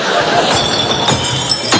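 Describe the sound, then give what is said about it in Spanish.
About 20 small glass beer bottles crash and clink into a glass recycling bin in several loud, irregular bursts, with a bright rattling smash every half second or so and a low rumble between. “¡Qué vergüenza cuando todo el barrio te escucha tirar 20 botellines!”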